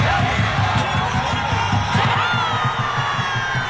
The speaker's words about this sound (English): Thousands gathered on Friday at Skyline Park in downtown Denver to cheer on the U.S. in its first match in the tournament against Paraguay.